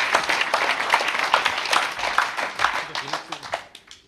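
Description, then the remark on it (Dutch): A crowd claps steadily for Remy Bonjasky in a dense, full wash of applause, tapering off toward the end with a few lingering claps. “Dames en heren, mag een groot applaus.”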